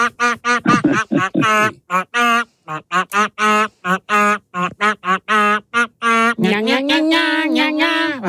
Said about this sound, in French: nous avons pêché un canard dans notre bac à canard, de notre pêche au canard, et nos canards ont la particularité de chanter des tubes en version canard. Il fallait ce matin identifier ce tube. Un canard à guitare.